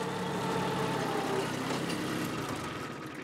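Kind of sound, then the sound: vehicle, tractor engine running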